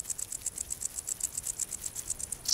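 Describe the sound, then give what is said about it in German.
A wart-biter bush cricket stridulates by rubbing its wings together, a steady series of short, high, ticking pulses, roughly seven per second, alone with no voices, ending in a slightly louder burst; dry grassland on the Baltic coast on a sunny day. “Die Heuschrecke reibt ihre Flügel gegeneinander und erzeugt so den typischen Sound des Sommers.”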